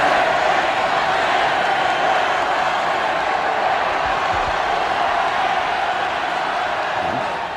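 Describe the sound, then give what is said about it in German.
A large crowd of hundreds of thousands of people at Vienna's Ballhausplatz cheers enthusiastically for the athlete Karl Schranz as he steps onto a balcony, in a dense, steady roar of many voices that stays loud and unbroken for the whole stretch, with no single speaker standing out. “Die Menge jubelt ihm begeistert zu.”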